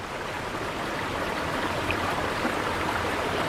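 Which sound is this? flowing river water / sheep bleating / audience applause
flowing river water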